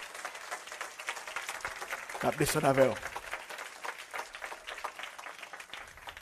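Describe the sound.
An audience applauds in a steady, dense patter of clapping that runs through the whole stretch, while a man's voice rises briefly over it partway through.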